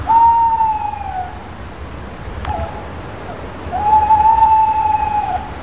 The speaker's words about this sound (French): Les oiseaux chantent pour attirer une femelle, ou en tout cas un partenaire, car les femelles aussi parfois chantent. Mais les oiseaux chantent aussi pour marquer leur territoire.